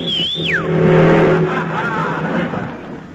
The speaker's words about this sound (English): Did you see that? Wouldn't stop, and he had an empty cab. Huh. And he was going about 40.